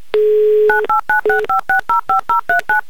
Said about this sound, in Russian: И прямо сейчас, Айдар, мы будем звонить вам. Набираю ваш номер телефона.